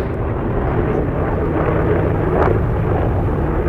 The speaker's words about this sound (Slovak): Stále nás rušia lietadla, pre blízke letisko na Sliači, oblieha okolo nás helikoptéra, občas stíhačky.